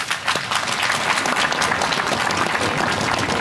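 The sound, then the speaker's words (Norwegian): Steady applause from an audience, a dense continuous patter of many hands clapping at an even, fairly loud level throughout, welcoming a percussionist from the Trondheim Symphony Orchestra. “Gi han en applaus.”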